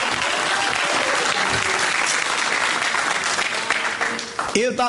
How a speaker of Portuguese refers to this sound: Dá uma salva de palmas para louvar a Jesus com força, com coragem.